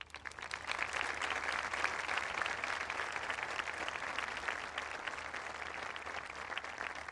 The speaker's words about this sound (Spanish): El aplauso y el saludo del Santo Padre al Obispo.